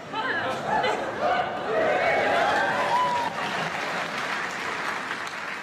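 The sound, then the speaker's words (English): An audience claps steadily for several seconds after a performer speaks in Xhosa, a dense, sustained wash of applause with crowd chatter and a few voices rising through it. “Why would you clap?”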